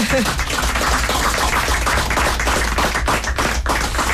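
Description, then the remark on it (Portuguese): Audience applause for a quartet of a solo singer, accordion, classical guitar and cello, a dense, steady wash of many hands clapping that stays loud and continuous for the whole stretch, with sharper individual claps poking through and a faint murmur of voices underneath. “É isso, um aplauso, vamos!”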